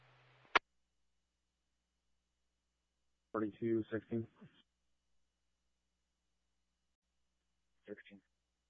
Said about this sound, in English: Sounds of a phone possibly in a purse or a pocket.